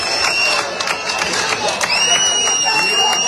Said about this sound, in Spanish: Pero dentro de esas protestas también hubo agradecimientos. Para fuera de seguridad del Estado, que demasiado está los pobres haciendo. Este aplauso va para ustedes, señores.